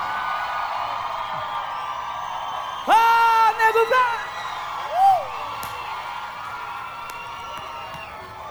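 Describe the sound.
A crowd cheers over a steady background of noise, with a loud, high whooping shout rising out of it midway and a shorter whoop shortly after. People can be heard talking.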